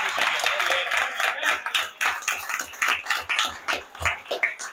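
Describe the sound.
An audience claps together in a dense, steady round of applause that keeps going for nearly five seconds, with faint voices mixed in underneath.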